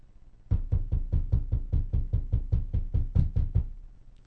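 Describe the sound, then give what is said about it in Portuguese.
A rapid, steady run of about fourteen loud knocks on a door, evenly spaced, continuing for roughly three seconds with no voices. The mayor of Canguçu is knocking to have the door opened. “Abre essa porta. Aqui é o prefeito de Canguçu.”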